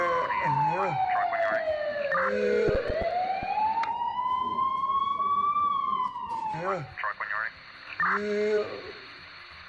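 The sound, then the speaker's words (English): A loud ambulance siren wails as the ambulance arrives in Calabar to take a patient to hospital, its pitch sliding slowly down, then climbing back up and holding, with muffled voices faintly underneath at the start and end. “Baada ya dakika 13 tu, ambulance yao ikafika na watu wa huduma ya kwanza wakamtia garini na kumkimbiza katika hospitali ya UTC hapo mjini Calabar.”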